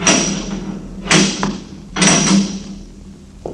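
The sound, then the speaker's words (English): A heavy door is being opened, with a few loud, dull thuds and clunks spaced about a second apart and with no voices, ending in a softer knock. “The childish science of modern civilization would give much to understand what lies beyond this door.”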